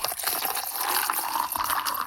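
Ice-cold orange juice is poured into a glass in one steady stream, a bright continuous gurgling splash with no voices, lasting about two seconds.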